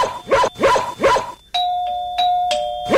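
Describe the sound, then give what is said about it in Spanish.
A few sharp dog barks, then an electronic doorbell chimes a ringing ding-dong, its bright tones repeating and sustaining until the end. “¿Te gustaría que te vuelva a tocar timbre?”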